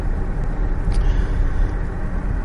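Steady, dense low rumble of an all-wheel-drive car on big wheels cruising at 65 mph on good tarmac in Northamptonshire, with constant tyre and road noise filling the cabin and a faint airy hiss above it, unbroken throughout.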